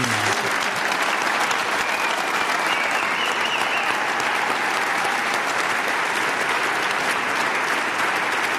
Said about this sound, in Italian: prima abbiamo rivolto un grande applauso e un pensiero al greppone, a Enriquez. E gliene facciamo un altro.